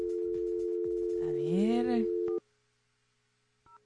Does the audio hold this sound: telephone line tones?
yes